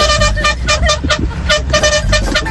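A car horn honks loudly in a rapid series of short blasts, several in quick succession, over a low engine rumble.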